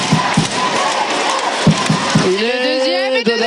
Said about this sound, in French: Elle sort, elle est ovationnée. Ovationnée par le public. Ici, qui est debout.